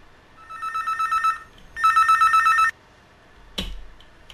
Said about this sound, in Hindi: और देखिए, दूर दूर तक हमारा ये फोन की घंटी पहुंच रही है, आ रही है हमारे पास। देखते हैं कौन है हमारे अगले साथी।